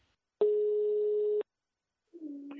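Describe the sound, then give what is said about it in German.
A single steady telephone ringback tone sounds for about a second, clear, then cuts off into silence before another faint sound begins at the very end, as the call goes to voicemail. “ich habe, noch bevor sie das Telefon abgeschalten haben, Folgendes aufgenommen.”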